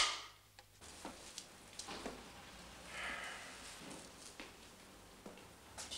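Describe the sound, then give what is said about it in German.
A film clapperboard snaps shut on a film set, slating shot 22, third take, amid several brief, sharp wooden clicks scattered irregularly over a quiet, hissy background. No one speaks. “Hab ich in die Kamera. Kamera. Klappe. 22, die dritte.”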